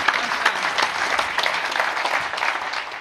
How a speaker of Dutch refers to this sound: Dat is een hele mooie afsluiting. Dankjewel. Mag een applaus.